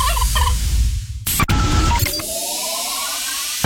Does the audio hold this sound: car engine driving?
no